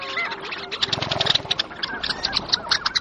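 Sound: arctic wetland birds calling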